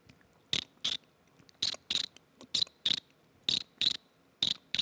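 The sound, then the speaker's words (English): Teeth grinding together, using only their friction without mouth pressure or sucking in, imitate a cricket, making sharp, raspy chirps in quick pairs, five pairs at a steady rhythm. Fairly loud, with no talking. “It's like a cricket sound, oh, you know?”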